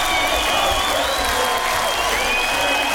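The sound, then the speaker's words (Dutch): A large audience applauds steadily for three seconds, a dense wash of clapping mixed with crowd noise and some high whistling or cheering on top. “Wat een applaus.”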